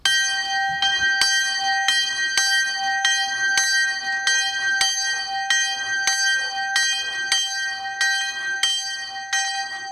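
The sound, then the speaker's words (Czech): A small bell, the St. Joseph bell in the open bell turret on the cemetery hall roof in Horní Stropnice near Nové Hrady, South Bohemia, rings steadily and alone, bright metallic strokes at an even pace with overlapping tones, moderately loud. Main tone G3, 28 cm diameter, about 13 kg, cast 1997 by Rudolf Perner in Passau, Germany. “Na střeše tamní hřbitovní síně stojí jednoduchá otevřená zvonička. Je v ní zavěšen zvon svatý Josef.”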